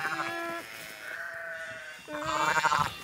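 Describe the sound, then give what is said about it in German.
A shepherdess imitates a lamb's bleating to lure a ewe to its lamb, with three drawn-out, wavering calls in quick succession, fairly loud, the last one strongest and trembling. “Mit Lammrufen lockt die Schäferin.”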